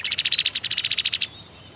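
A cowbird calls in a rapid, steady run of high, sharp chirps, about sixteen in quick succession with one short break partway through, clear with no talking.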